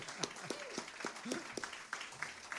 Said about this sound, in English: I want to thank these guys. I want you guys to give them a round of applause. Help them out here.